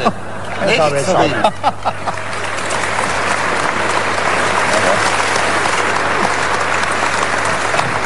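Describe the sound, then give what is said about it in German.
A studio audience of a broadcast show applauds steadily, a dense wash of clapping that swells after a brief opening and holds at a loud, even level, with a few voices audible near the start. “dass du immer ein ungeheures Publikum vor dir hörst”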